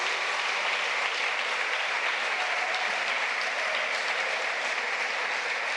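An audience applauds God steadily, many hands clapping in a dense, even wash of sound that holds at the same loudness throughout, with no voices standing out.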